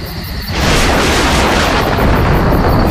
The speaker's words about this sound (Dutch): Daar is het weer. Ach, Pippi. Het is gewoon onweer. Niks aan de hand, hoor. Echt niet? Nee, joh. Die knallen zijn gewoon wolken die botsautootjes spelen.